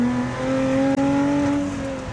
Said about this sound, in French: Le 3.5 avec l'énorme compresseur. Je sais pas si vous l'entendez, mais ça chante.